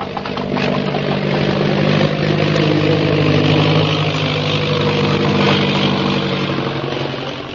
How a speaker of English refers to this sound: You hear an airplane motor? Yes. There is airplane. And there's Purple Triangle.